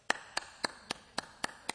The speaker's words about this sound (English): what clapping sounds like in Africa.